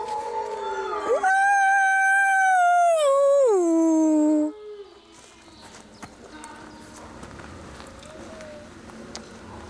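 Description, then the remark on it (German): A single long wolf howl in summer heat rises, holds a steady high note for a few seconds, then slides downward and breaks off, leaving faint rustling and scattered soft noises behind. “Ist zu warm für Heulen.”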